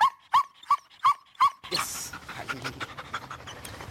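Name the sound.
dog barking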